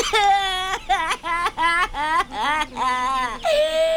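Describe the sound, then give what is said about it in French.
A high-pitched, cartoonish voice of a little crocodile character cries and whimpers in a series of wavering, drawn-out sobs and wails, loud, with brief catches of breath between them and no other talking. “Oh non, petit croco, non, je t'en prie, ne pleure pas.”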